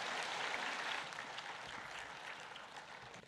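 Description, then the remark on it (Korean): An audience claps steadily to welcome guests invited up to share testimony. A dense wash of many hands stays fairly loud throughout and eases off slightly toward the end, with no voices over it. “그럼 박수 한번 합시다.”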